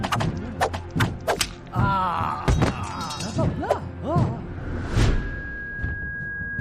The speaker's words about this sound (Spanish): Los arqueros enemigos fijaron su mirada en Saúl. Las flechas volaron por el aire y una de ellas lo alcanzó.